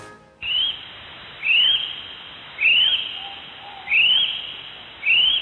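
A kiwi bird calls with a series of five shrill, rising whistles, evenly spaced about a second apart, loud, with no other sounds around them.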